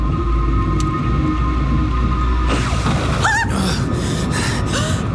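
A heavy night thunderstorm over a valley, with lightning striking a meteorite: a steady low rumble, then a sudden loud surge of noise with warbling, swooping tones and a run of sharp, crackling bursts, with no voices.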